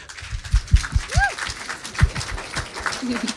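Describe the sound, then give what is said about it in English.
An audience applauds to welcome a band on a broadcast programme, with a dense, steady patter of many hands clapping, and a brief rising-and-falling whistle cuts through the clapping partway through. “Alors, ce soir, au programme de cette émission, nous accueillons tout d'abord le …, que je vous demande d'applaudir.”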